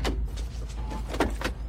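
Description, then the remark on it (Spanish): Police patrol cars pull up and come to a stop, with a low engine rumble under a few sharp mechanical clunks and bursts of noise, no voices. “Llegan autos patrulla.”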